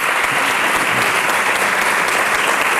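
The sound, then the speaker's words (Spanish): A dense, steady wash of audience applause at a tribute to a career devoted to flamenco, loud and sustained throughout, with countless overlapping claps forming a continuous roar of an ovation and no voices standing out. “Un homenaje que fue recibido con una gran ovación por parte del público asistente.”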